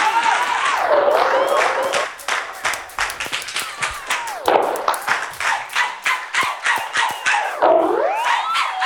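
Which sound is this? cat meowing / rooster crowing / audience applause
audience applause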